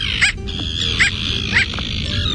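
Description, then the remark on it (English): A bridled tern, visiting a home neighborhood, gives three short, yapping calls, evenly spaced and somewhat like a small dog barking, rising clearly above a steady low background rumble. “today's featured feathered friend and pleasant surprise visitor to our home-based neighborhood this week, the bridled tern”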